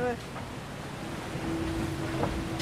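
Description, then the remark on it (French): A steady, thin whistle from a hydrofoil boat rising onto its foils at about 27 knots (50 km/h), emerging midway and holding over loud rushing water and wind noise. “Donc dès que ça siffle comme ça, c'est que ça vole.”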